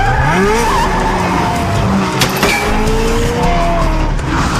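A car engine roars loudly while tires squeal and skid in long, sliding screeches, sounding like a car chase with sharp swerves.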